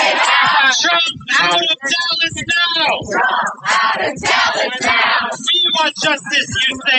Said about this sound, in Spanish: Cientos de activistas se concentraban al grito de Trump fuera de Dallas en las inmediaciones del American Airlines Center, donde se celebra el segundo día de esa convención.